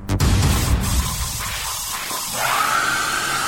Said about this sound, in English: Not a woman screaming, it's a hairdryer.